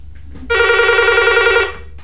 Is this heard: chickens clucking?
no